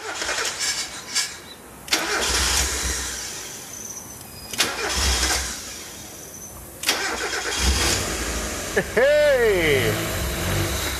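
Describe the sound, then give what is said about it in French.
A car engine, being revived with crocodile-clip jumper cables after its electrical circuits were flat, cranks in several harsh bursts, catches briefly with a wavering, rising-and-falling whine, then sputters and stalls because a flow meter is missing. “Ah, elle a calé. Mais le moteur marche et la pression d'huile est très bonne.”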